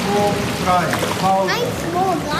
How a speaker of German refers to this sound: Acht Kinder haben sich auf den Treppen des Schwimmbeckens ausgestreckt. Ihre Hände ruhen auf einer oberen Stufe, die Beine strampeln im Wasser.